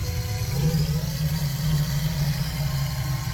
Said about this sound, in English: You know, if you're going fishing at night time and you hear those croc sounds, just wow.